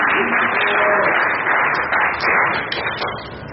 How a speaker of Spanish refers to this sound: Y bueno, sí, aplaudan porque si no, está feo.